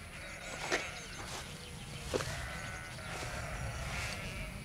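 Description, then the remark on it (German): Several sheep of a shepherd's flock grazing open land along the Green Belt in Eichsfeld bleat one after another, wavering cries rising over a steady low rumble, with a couple of sharper calls standing out from a loose, continuous flock chorus. “Aber die beste Methode, Flächen offen zu halten, ist die Bewirtschaftung durch Schafe.”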